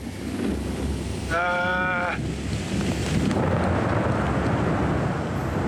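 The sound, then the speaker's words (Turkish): A severe, cold, windy storm in Namibia, heard from the top of a tree, roars steadily and loudly throughout, a dense rushing wash of wind and rain, with a brief bleating animal call cutting through near the start. “Şiddetli bir fırtınanın ortasında, dünyanın en düz ülkesinde, bir ağacın tepesinde olmak güzel bir şey değil.”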